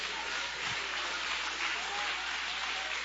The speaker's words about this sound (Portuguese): Levanta a tua mão aí e aplauda Ele, que Ele merece.